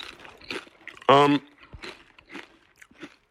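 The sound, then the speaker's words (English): Crisp crunching of a Miss Vicky's potato chip being bitten and chewed, a string of dry crackling bursts, briefly interrupted by a short, loud voiced sound in the middle. “So, Miss Vicky's great crunch, always. That's my favorite part of the Miss Vicky's potato chip.”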